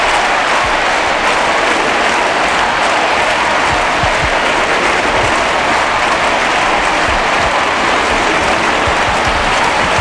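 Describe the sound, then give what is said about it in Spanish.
A huge crowd at the Estadio Olímpic Lluís Companys in Montjuïc, Barcelona, claps and cheers without pause, heard live. It is a dense, steady roar of applause that stays loud and even throughout, with no single voice standing out. “Escucha el sonido en directo del Estadio Olímpic Lluís Companys en Montjuïc, Barcelona.”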